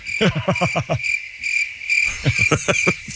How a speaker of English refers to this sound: The crickets are appropriate.